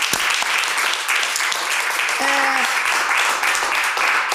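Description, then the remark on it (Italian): An audience applauds steadily for about four seconds, a dense, even wash of many hands clapping, with a brief tonal cry or whoop rising over it midway. “Allora, applauso, sì, applauso.”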